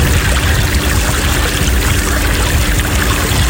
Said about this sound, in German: Das ist, Achtung, hört sie hinten so ein bisschen, man fährt ja nicht schnell mit dem ausgeliehenen Motorboot. Man hört überhaupt nichts, weil du permanent drüber redest.